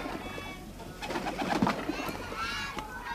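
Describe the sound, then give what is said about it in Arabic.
Pigeons coo softly and repeatedly amid a busy flock at a mosque, with other birds chirping and twittering around them in a moderately loud, echoing outdoor space. No one speaks. “حيوت الجامع ديما عامر بالطيور والحمام.”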